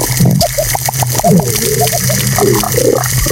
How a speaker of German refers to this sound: stellt dann da Unterwasserlautsprecher drauf und schaltet das Meer zu. Aber jetzt irgendwie nicht mit Techno oder Pop, sondern mit den Sounds eines völlig gesunden Korallenriffs. Das klingt dann unter Wasser ungefähr so.